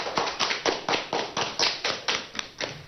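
Clapping for the participants: a steady run of about eleven sharp, evenly spaced claps at a brisk, regular pace, fairly loud and with no voices over it.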